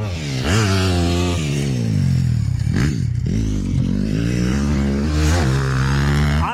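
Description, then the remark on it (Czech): Motocross motorcycles rev loudly and continuously during a training session at the Automotoklub Pacov in Pacov, Vysočina, engine pitch climbing and dropping as the bikes accelerate and back off, with several engines overlapping. “Tohle burácení je motokrosový trénink v automotoklubu Pacov.”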